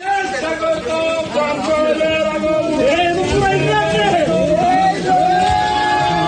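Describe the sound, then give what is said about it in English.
A crowd in Bangladesh shouts and whoops together in a dense, continuous roar as an albino buffalo is handed over to a customer during the Eid al-Adha festival, with overlapping raised voices and excited cries throughout. “Crowds cheered, as you can hear there, after it was handed over to a customer who'd booked it weeks in advance to be sacrificed this week.”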